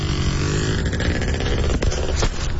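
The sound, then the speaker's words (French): An off-road motorbike roars loudly, its engine droning steadily, with a couple of brief scraping, clattering bursts near the end as the bike crashes and its chain breaks. No voices. “Grosse chute, Tom. Je me croyais à Niagara. T'es correct? Ah, oui, oui. Ma chaîne est pétée”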